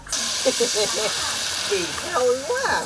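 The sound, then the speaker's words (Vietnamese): A steady sizzling hiss of cake batter frying on hot pans over two cooking fires on a house porch fills the background, continuous and fairly loud, while a person talks over it. “mẹ tôi và mợ Bảy nhóm cùng một lúc hai bếp lửa bên hiên nhà để ngồi đổ cho nhanh”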